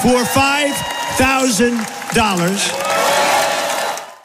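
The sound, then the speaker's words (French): A crowd cheers loudly at Donald Trump's promise of a $5,000 dividend to every adult US citizen, with several rising and falling shouted whoops in the first half giving way to a steady roar of cheering and clapping that fades at the end. “Forcément, la foule exulte.”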